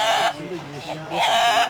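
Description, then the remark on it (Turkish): A Denizli rooster crows with its long call in two loud, bright bursts, one at the start and one near the end, with a man's voice speaking in the gap between them. “Denizli horozu uzun ve ahenkli ötüşü ve aynı zamanda da albenili renkleriyle sadece Türkiye'de değil, dünya çapında üne sahip.”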